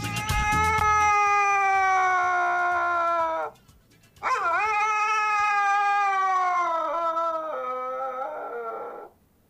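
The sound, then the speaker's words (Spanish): A pet dog howls while its owner sings, in two long, sustained, mid-pitched cries separated by a brief pause. The second howl wavers and wobbles toward its end. No voices are heard. “No sé qué le pasó, pero está aullando el pobrecito.”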